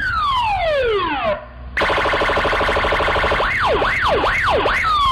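A loud police car siren cycles through patterns as the police vehicle sets off to take a shot person to hospital: falling sweeps, a brief gap, a rapid pulsing warble, then rising-and-falling wails, with no voices.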